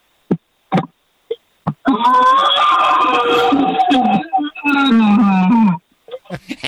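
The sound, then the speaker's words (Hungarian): A man roars loudly into a glass, with a phone placed inside a large pot: two long hollow, resonant bellows that echo with a metallic ring, preceded and followed by short sharp knocks and clicks. “Figyelj, beleraktam a telefont egy nagy fazékba, és fogtam egy repoharat, és abba ordítottam.”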